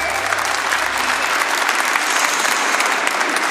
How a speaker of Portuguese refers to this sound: já vai aplaudindo esse Deus maravilhoso que está vivo. Pode ser mais forte, pode ser mais forte.